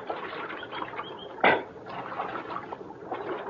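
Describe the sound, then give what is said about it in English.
Steady trickling water of a creek runs throughout, broken by one short, loud splash about midway as riders who have climbed down from their horses drink from it, then the gentle flow continues alone. “And we climbed down from our horses and got a drink of water.”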